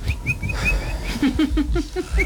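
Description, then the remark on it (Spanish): A person imitates a small bird, making a quick run of high whistled chirps followed by a rapid series of short, lower tweeting calls, fairly loud. “Entonces llegó y empezó a hacer como un pajarito.”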